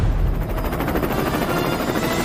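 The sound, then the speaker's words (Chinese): A helicopter heard from a distance, approaching after passing over a tall tower and preparing to land at the centre of an event ground. Its rotor blades beat out a rapid, steady thumping over a loud, broad roar of engine noise that holds even throughout, with no voices. “第一位飞行梦想家的登场方式有些特别， 直升飞机已经穿越了我们前方的这座高塔，目前正在稳稳地准备降落在我们的场地中心”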